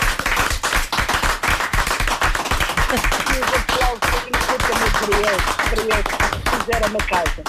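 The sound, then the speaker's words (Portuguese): Sustained audience applause fills the whole stretch, dense and steady, with scattered voices and faint cheering mixed into the crowd noise, given for the owner of the restaurant A Porta da Alfama in Alfama. “Vão um aplauso.”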